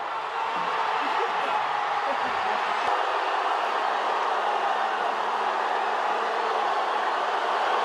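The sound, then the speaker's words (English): A large crowd of fans cheers and applauds for an encore in a dense, continuous roar that holds steady and loud for the whole stretch, with no individual voices standing out. “The fans were cheering so loud, waiting for the band to go, "Encore!”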